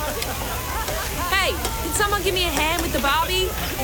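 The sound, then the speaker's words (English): Food sizzles on a barbecue grill in a steady crackling hiss, with indistinct voices murmuring over it partway through. “Give me a hand with the Barbie.”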